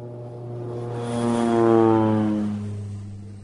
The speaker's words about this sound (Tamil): சென்னையை நோக்கி விமானம் வானில் பறக்க